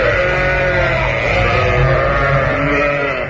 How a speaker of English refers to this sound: Whilst that record of sheep is being played, here are the remains of a goon show washed up on a Brighton beach near Croydon.